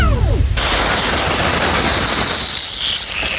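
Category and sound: household object, garden hose spraying water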